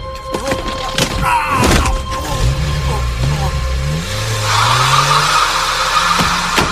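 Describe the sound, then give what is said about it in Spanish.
A car engine revs up loudly, its pitch climbing steadily as the driver sits and accelerates, with a rushing, gritty roar building over the last few seconds. “luego lo presiona con el asiento del conductor, se sienta y acelera.”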